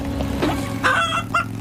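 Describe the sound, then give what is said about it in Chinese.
A startled chicken called Gugu Ji (咕咕鸡), frightened by dogs in Adventure Bay, squawks in a few sharp, loud bursts, the longest near the middle, over a steady low rumble in the background. “你们这些淘气的狗狗吓到可怜的咕咕鸡了”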